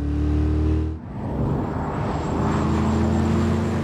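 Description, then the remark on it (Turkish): A powerful German car's engine revs loudly through its new exhaust system, a steady low growl that drops briefly, then surges back into a sustained, rising roar. Loud, with no talking. “Kaputun altındaki fazladan konan beygir gücünün sesini yeni ve fantastik egzoz sisteminden duyabiliyorsunuz.”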